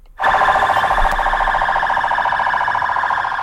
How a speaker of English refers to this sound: Sirens blaring on a military and police convoy in Baghdad. Iraqi forces parading in the streets to mark the end of the U.S.-led mission in the country.